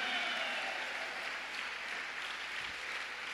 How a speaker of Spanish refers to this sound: Y lo menos que puedes hacer es ocupar tus dos manos para darle palma al Creador de todas las cosas. Vaya pues, aplauda, hija, porque hay quienes ni aplaudir pueden para Dios.